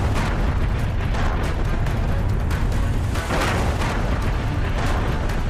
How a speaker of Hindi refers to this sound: Iran ने Kuwait पर drone और मिसाइलों से हमला किया। कुवैत में तेज धमाकों की आवाजें सुनी गईं।